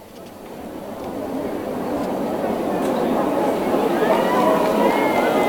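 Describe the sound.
A large crowd of the faithful applauds and greets Pope Leo XIV as he comes forward onto Liberty Square at the Apostolic Palace in Castel Gandolfo, a dense, steady wash of clapping that swells over the first couple of seconds and holds, with scattered cheers and voices rising above it.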